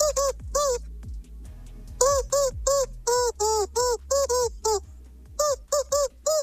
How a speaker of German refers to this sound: Für alle, die es noch nicht gehört haben, das verrückte Huhn ist ein Hundespielzeugtier und das quietscht ziemlich schräg. Das Verrückte, es quietscht bei uns Hits aus dem besten Mix, heute diesen hier.